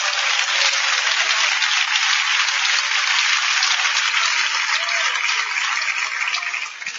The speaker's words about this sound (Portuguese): Podem bater palmas para Jesus.